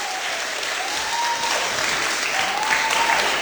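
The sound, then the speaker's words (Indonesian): A crowd claps steadily and loudly for a few seconds, a dense wash of overlapping hand claps without pause, welcoming a young speaker at a panel event in Buleleng. “Tepuk tangan.”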